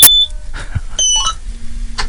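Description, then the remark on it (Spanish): A combine harvester being started with the key: a few high electronic beeps and chimes, a dull knock, then a steady low engine drone that sets in and holds to the end. “Estoy por pedirte que gires la llave, a ver si se escucha por la radio.”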